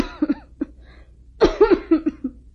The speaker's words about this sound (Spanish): ¿Qué tienes, mi amor? Has venido tosiendo mucho en los últimos días. No es nada. Parece que tengo un fuerte resfriado en el pecho.